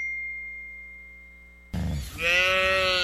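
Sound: cows mooing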